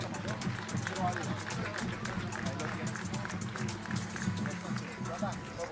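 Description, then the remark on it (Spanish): A crowd claps steadily and densely for several seconds for a senator's parents and family, the applause loud and sustained with no break, while voices murmur and call out underneath. “¡Un fuerte aplauso para ellos!”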